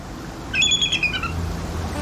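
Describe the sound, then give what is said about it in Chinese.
A mother bald eagle gives a brief, high-pitched chattering call as another raptor intrudes on its airspace above its two chicks in a treetop on the Hudson River bank: a quick run of thin piping notes lasting under a second, against a low, steady outdoor rumble. “有别的猛禽闯入了白头海雕的领空，”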